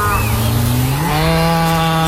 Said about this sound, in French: C'est un bruit qu'on connaît bien chez Alsace Lait. Une vache, oui, qui donne du bon lait de pâturage d'Alsace